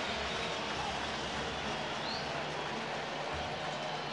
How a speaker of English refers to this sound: Add another ball to the train track collection. Train is off and moving right now.